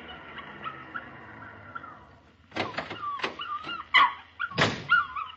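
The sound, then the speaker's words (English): A puppy whimpers with thin, high whines as a little girl kneeling over it pulls small tufts of hair from its body, quiet at first and then breaking into several sharper, louder yelps and cries over the last few seconds, with no talking. “As I approached the house, I saw a little girl kneeling over a puppy. She was engaged in the dubious pastime of pulling small tufts of hair from its body.”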